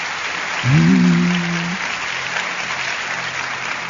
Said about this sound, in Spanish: Dale un aplauso fuerte al Señor.